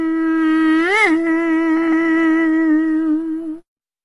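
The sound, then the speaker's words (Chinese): A voice imitates a mosquito's whine, a steady nasal buzz held for over three seconds, with a brief pitch wobble near the start, fairly loud, then cutting off abruptly. “说变咱们还就变，说了一声变，他可就变成一只小蚊子了。”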